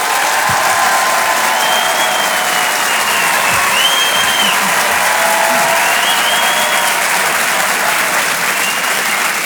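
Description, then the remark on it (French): Sustained applause from the audience at the Rire et Chanson Comedy Club welcoming comedian Anne Roumanoff, a dense, steady wash of clapping lasting the whole stretch, with faint cheers and whoops rising above it. “Pour l'applaudissement, s'il vous plaît, pour Anne Roumanoff.”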